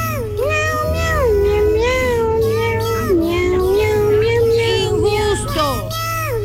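A cat meows in a long, drawn-out, whining wail, loud, its pitch wavering up and down continuously for several seconds over a steady low background hum.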